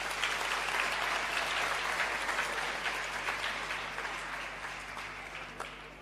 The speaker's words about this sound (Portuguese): Peço uma forte salva de palmas.